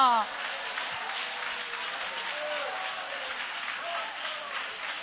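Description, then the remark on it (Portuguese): An audience claps steadily in worship, a dense, continuous patter of many hands lasting several seconds, with voices faintly mixed in underneath. “Só quem quer ter Jesus entrando na tua casa, levanta a mão, dá um glória que ele entra, dá um aleluia que ele entra, dá um glória a Deus que ele entra, bate palma e adora que ele entra.”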